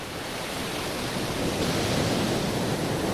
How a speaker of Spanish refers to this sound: De las maravilla. Olas que llegan desde la Zurriola. Sí, una maravilla. Se están escuchando.